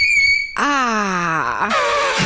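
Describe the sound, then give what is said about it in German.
Chalk squeaking on a board: a loud, piercing steady squeal, then a lower, wavering screech that slides downward, ending in harsh scratchy grinding. No one speaks. “Und jetzt hören wir aber mal kurz, wie fies Kreide tatsächlich quietschen kann.”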